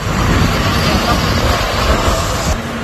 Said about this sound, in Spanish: Escucha, mira el helicóptero donde está echando.